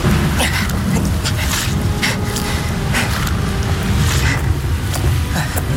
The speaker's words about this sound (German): Drin schätze ich meine Chancen, dieses Unwetter zu überleben, dennoch größer ein, als hier zwischen all den hohen Bäumen.